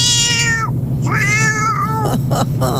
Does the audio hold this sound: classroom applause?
no